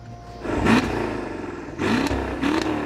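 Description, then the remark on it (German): A car engine revs loudly through a tuned exhaust whose flap is opened at the push of a button, an illegal retrofitted feature, peaking at 107 decibels; two sharp throttle blips rise in pitch with a raspy, booming roar, with no talking. “So lässt sich hier auf Knopfdruck die Auspuffklappe öffnen. Diese Technik wurde nachträglich eingebaut und ist illegal. Zudem wurde der Auspuff frisiert.”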